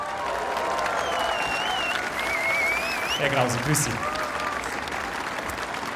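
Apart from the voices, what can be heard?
audience applause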